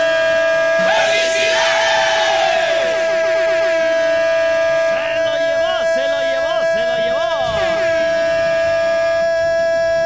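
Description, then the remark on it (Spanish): Three very long, loud, sustained car horn blasts blare almost without pause, given on request, while people shout and cheer excitedly over them. “Hermano, ya que sí estás, ayúdame con tres bocinazos muy largos.”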